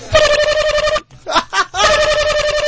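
A loud telephone rings in two rapid trilling bursts, with a short laugh or voice breaking the gap between them.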